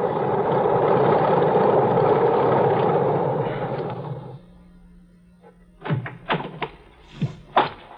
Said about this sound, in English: Got to the airport just as the plane taxied up the strip. Single engine job, just right.